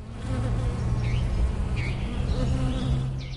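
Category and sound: insect, bees buzzing around flowers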